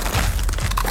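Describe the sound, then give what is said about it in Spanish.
A Crunch brand tortilla chip, a product of Instamasa from Costa Rica, crunches loudly, a quick run of crisp, brittle cracks packed into about a second, with no voices. “Porque solo Crunch suena así.”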